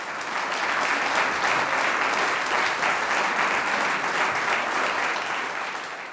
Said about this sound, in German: Applaus für das Holzbläserquintett Aires Tropicales.